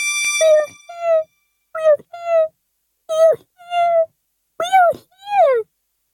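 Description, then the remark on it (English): A single voice imitates the people of Whoville crying out in fear at a meeting in Whoville Town Square, letting out six high, quavering cries in quick pairs, each rising and falling in pitch, fairly loud, with brief silences between. “And down on the dust speck, the scared little mare quick called a big meeting in Whoville Town Square, and his people cried loudly. They cried out in fear.”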